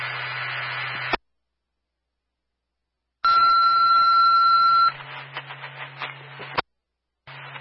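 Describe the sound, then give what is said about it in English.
A steady two-tone fire dispatch page for Unity, about a second and a half, for an automatic fire alarm at Sullivan County Nursing Home, rides on hissy, band-limited radio static, with bursts of crackling static and sharp squelch cutoffs before and after. No one speaks. “Repeating a retone for Unity, 5 Nursing Home Drive, Sullivan County Nursing Home, automatic fire alarm.”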